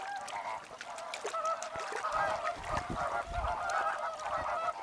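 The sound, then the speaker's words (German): A flock of wintering flamingos calls continuously in the lagoons of a protected wetland with salt pans, a dense chorus of nasal, goose-like honks overlapping at a steady, fairly loud level, with no voices present. “Die Lagunen sind ein idealer Ort für die Tiere, um zu überwintern.”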